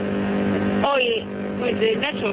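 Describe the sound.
A steady engine drone and road rumble from inside a moving car, heard over a narrow, tinny phone line, with a caller speaking briefly over the constant hum.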